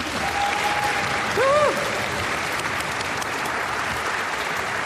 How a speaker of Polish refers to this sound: Łatwe to nie jest, zatem jeszcze raz, bo proszę o gorące brawa.